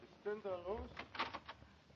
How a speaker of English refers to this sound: Oh. You knocked for that? Oh, no. I mean, it was my umbrella. It knocked.